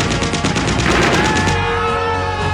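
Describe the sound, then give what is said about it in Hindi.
A loud, rapid burst of machine gun fire rattles off in quick succession for over a second, then gives way to a ringing, lingering rumble as the shots stop; enemy machine guns firing continuously from bunkers. “दुश्मनों की मशीन गने बंकरों से लगातार गोलियां बरसा रही थी।”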